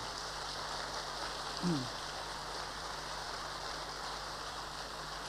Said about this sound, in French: Et nous avons eu un exemple splendide récemment avec ce beau courage du roi Baudouin de Belgique. On en a trop peu parlé dans le monde. Applaudissons-le.